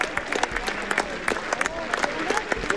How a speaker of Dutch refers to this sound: 1 minuut 43 galmt er in een applaus van alle supporters hier op het park. Die is voor Joost Nieuwenhuis.